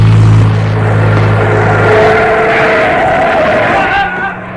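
A car with its headlights off speeds toward a man crossing an avenue: the engine roars loudly while tires screech in a long, rising squeal, then the car runs him down and speeds off, the noise dropping away at the end.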